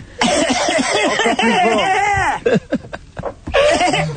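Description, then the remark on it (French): A loud, exaggerated fit of coughing with strained, throaty vocalising, breaking into several sharp hacking bursts before a final drawn-out cough, forceful. “Je tousse. Tousse très fort.”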